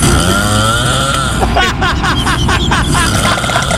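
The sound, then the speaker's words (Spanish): Loud snoring in a video from the show La Casa de los Famosos, with a harsh, grinding rasp like a chainsaw sputtering to life, rising in pitch before settling into rapid rhythmic pulses that continue throughout. “Oye, parece cuando prende la motosierra, checa bien.”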